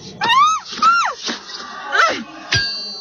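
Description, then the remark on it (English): A woman lets out two short, high-pitched screams in quick succession, followed by a few sharp knocks and a loud metallic clang as she is knocked out with a pipe, ringing briefly at the end. “Well, she was screaming.”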